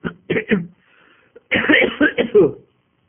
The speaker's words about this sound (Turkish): Ümit ediyorum ki benim bu öksürüklerimi mazur görüyorsunuzdur.